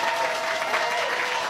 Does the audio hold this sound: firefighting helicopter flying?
no